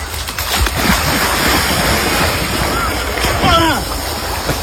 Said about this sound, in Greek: Έχω έρθει εδώ στη θάλασσα και θα με δείτε να κάνω βουτιά. 1, 3, 2, πάμε.